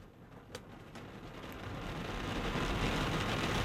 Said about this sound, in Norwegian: Regn. Det gjør ikke gull, altså. Det forringes ikke når det regner.